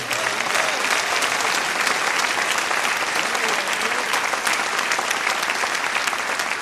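A church audience applauds the Lord during a sermon, steadily for several seconds, a dense, even wash of many hands clapping at constant loudness with no pauses and no voices standing out.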